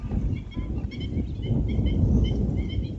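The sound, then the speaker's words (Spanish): A chorus of waterfowl calls at the Rianzuela lagoon, repeated honking and chattering notes from many birds, over a steady low outdoor rumble; no voices, the flock calling continuously. “Para el visitante que llega con unos prismáticos o un telescopio, el verdadero protagonista es otro, el movimiento constante de las aves.”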